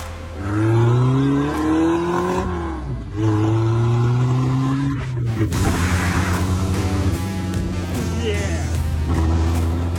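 car engine revving

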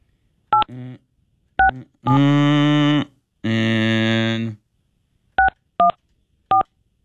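telephone keypad dialing tones

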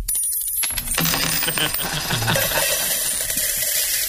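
coins dropping

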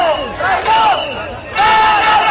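protest crowd shouting

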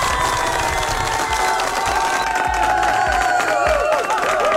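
applause sound effect

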